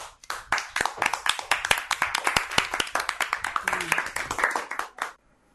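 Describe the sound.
A group of children claps in a quick, uneven burst of many overlapping sharp claps lasting about five seconds, fairly loud, with faint voices mixed in before it stops abruptly.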